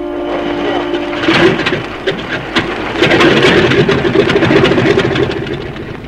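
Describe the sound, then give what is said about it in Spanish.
A small propeller plane piloted by Calimán lands: a steady engine drone with a low hum gives way to a louder, rough rumble scattered with rattling clicks, continuing evenly for several seconds. “y en unos minutos más, la pequeña avioneta tripulada por Calimán tomó tierra.”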